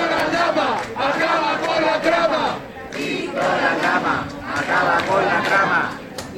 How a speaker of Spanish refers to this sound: se conviertan para algunos sectores en una especie de héroes de la lucha contra la corrupción, hasta tal punto que hace justo le han vitoreado en la calle de esta manera.